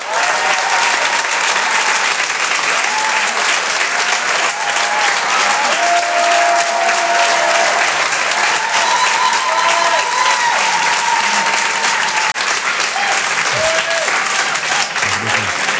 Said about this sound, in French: Je vous demande de l'applaudir très très fort s'il vous plaît lui aussi. Voici en direct sur Rire et Chanson, Jean-Luc Lemoine.